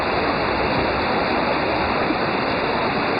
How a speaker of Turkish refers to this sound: Kocaeli'de etkili olan sağanak nedeniyle dereler taştı, bazı evleri su bastı. Cadde ve sokaklar göle dönerken hem sürücüler hem de yayalar zor anlar yaşadı.